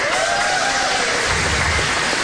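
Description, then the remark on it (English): A comedy audience lets out a collective groan after being asked if they are office workers, a drawn-out, falling moan from many voices blended into a steady, hissing wash of noise lasting about two seconds. “It's always like the saddest sound a crowd can make.”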